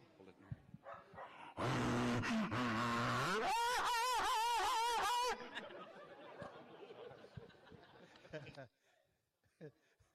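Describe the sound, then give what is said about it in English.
A human voice imitates a reservation dog at a band office, with a loud, rough growl building into a run of wavering barks and howls, then trailing off into quieter grumbling noises. “This is a res dog at the band office.”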